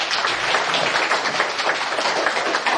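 An audience applauds steadily, a dense wash of many hands clapping at once that holds the same level for a few seconds, with no voices over it.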